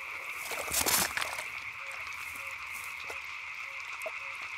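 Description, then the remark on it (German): Frogs croak in a steady, buzzing outdoor chorus to attract a mate, with short repeated calls scattered throughout and a brief louder rustle of movement near the start. “Bei der Ringelnatter stehen Frösche ganz oben auf dem Speiseplan.”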